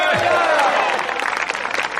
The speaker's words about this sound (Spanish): Que fuerte ese aplauso al Señor, a su nombre. A su nombre.